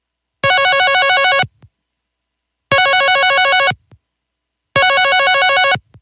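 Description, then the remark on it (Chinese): A telephone rings three times as a call is placed from Vinnytsia to a number written on a note found in a car's glove box, each loud, warbling electronic burst lasting about a second and separated by even pauses of silence, with no one speaking. “佢就按住个电话号码打过去啦。”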